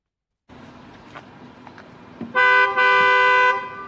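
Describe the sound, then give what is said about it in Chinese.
In city traffic, a driver angrily slaps the steering wheel after nearly hitting the car ahead when it stops suddenly. The car horn blares in one loud, sustained honk lasting about a second, cutting sharply through a low rumble of traffic and road noise. “他愤怒地拍了一下方向盘，喇叭发出了刺耳的低声，”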